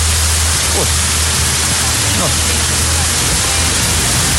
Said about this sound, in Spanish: Tremendo aguacero ahí en Piedecuesta.